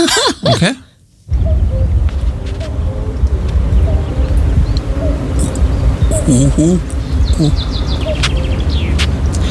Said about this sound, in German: Genau, also das ist ein Kuckuck